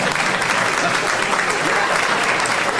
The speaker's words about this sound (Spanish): Miren todos los simios que aplauden ahora.